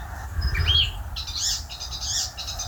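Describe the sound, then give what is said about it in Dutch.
An Icterine warbler sings a rapid, varied song with quick chirps, whistles and buzzy phrases over low background rumble, on the plot of Sjaak Witteveen in Stolwijk. “Wat een bijzondere, ja, beetje maffe vogel is die spotvogel toch. Razendsnelle geluiden.”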